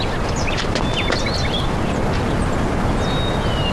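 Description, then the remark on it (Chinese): Pigeons fill a loft with continuous flock noise, rustling and fluttering, while scattered chirps and squeaky calls rise above the steady clamor throughout, fairly loud. “我下去，把鸽子吓着，下去。”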